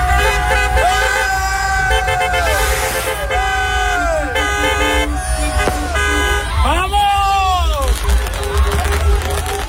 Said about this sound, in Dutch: Spanje won gisteravond met 1-0 van Argentinië in de finale. Tot groot genoegen van een hoop Spaanse fans in Enschede, die gingen toeterend de straat op.